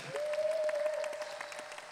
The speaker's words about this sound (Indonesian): Kirang kenceng tepuk tangannya buat Gus Iqdam lagi.